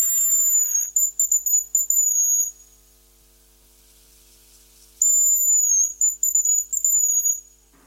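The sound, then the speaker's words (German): A hazel grouse whistles twice: thin, very high-pitched piercing notes of about 5 to 10 kilohertz with a quivering, trilling tail, each phrase lasting about two seconds, separated by a pause. No voices are heard. “Das ist das Haselhuhn.”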